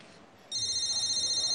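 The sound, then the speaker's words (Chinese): A phone starts ringing partway through, a loud, steady electronic ringtone with a slightly pulsing tone that continues to the end, over a quiet background; it is an incoming call from a man's son. “你电话？ 谁电话？ 你电话。”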